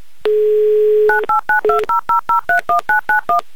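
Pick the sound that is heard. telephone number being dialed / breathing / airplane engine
telephone number being dialed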